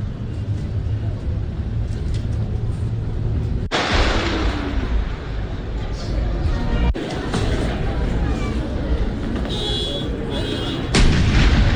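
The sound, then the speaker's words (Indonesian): Three loud cannon blasts from a ceremonial salute at Fiji's 56th Independence Day ceremony, spaced a few seconds apart, each booming over a constant rush of outdoor noise and faint background voices. “Sementara itu, dalam upacara Hari Kemerdekaan ke-56 Negara Fiji, sejumlah prosesi upacara dilakukan, mulai dari pemeriksaan pasukan oleh Presiden Fiji, parade pasukan, hingga tembakan salto dan tembakan meriam.”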